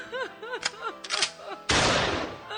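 Rhythmic braying-like donkey calls with a few sharp clicks give way to one loud rifle shot, fired by a farmer's wife at a donkey eating the garden, whose blast rings out and lingers briefly at the end.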